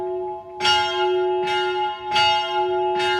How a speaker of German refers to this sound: Es ist morgen am Viertel ab 9. Wie immer um diese Zeit läuten die Glocken vom alten Kloster, aber nicht automatisch.